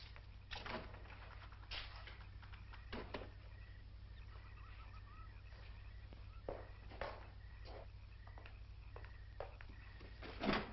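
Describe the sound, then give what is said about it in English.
A series of soft knocks and clicks, like a door being shut and its lock turned, with a low steady hum underneath, ending in a sharper clack. “You know I'm not leaving here until you're locked safely inside.”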